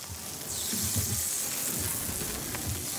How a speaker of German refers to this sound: Während die kleinen Makrelen brutzeln